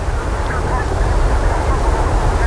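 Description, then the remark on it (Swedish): Steady wind from the south at about 5 metres per second, under a clear starry sky with moist air, blows throughout: a continuous broad rush with heavy low rumbling gusts buffeting the microphone, holding at an even, fairly loud level. “Nu har ju vinden ökat och också ändrat riktning så den ligger på syd och blåser ungefär 5 meter per sekund.”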